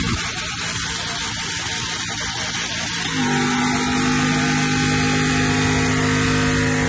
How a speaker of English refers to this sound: They revealed it by, get this, the use of either blue or pink smoke that came off the tyres of a car that was revving in their backyard doing a smoke show. It was unbelievable.